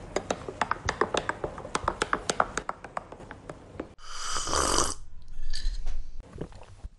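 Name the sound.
sipping coffee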